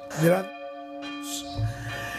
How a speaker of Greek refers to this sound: Εδώ βαράνε οι καμπάνες.